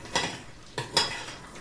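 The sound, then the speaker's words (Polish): A spoon scrapes around inside a pot, stirring a sugar mixture that has cooked for 7 minutes and now moves smoothly without the crunch of sugar, in three short strokes, two of them nearly back to back, with brief quiet gaps and no voices. “Nie słyszymy chrzęszczenia cukru, łyżeczka w garnku chodzi gładko, więc możemy spokojnie masę odstawić do ostudzenia”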